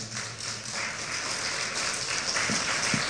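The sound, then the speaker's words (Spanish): A church audience applauds in praise of the Lord, steadily: a dense wash of many hands clapping at once, fairly loud and sustained throughout, with no voices standing out. “Un aplauso por favor al Señor.”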